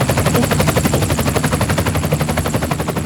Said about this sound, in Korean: 여기가 어디지? 어? 저 헬리콥터는 뭐야? 왜 점점 나한테 다가오는 거지?